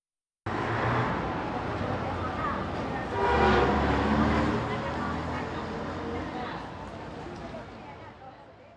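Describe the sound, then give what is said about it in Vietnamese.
A low, sustained car horn blares over a steady roar of traffic, rising to its loudest in the middle before the rumble slowly fades. “Đây là từ boo boo là tiếng còi và những âm thanh tương tự.”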